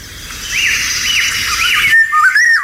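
A Eurasian golden oriole sings clear, fluting whistled phrases, repeated several times in quick succession, at dawn in riverside woodland in the countryside near a river, over a steady background of running water.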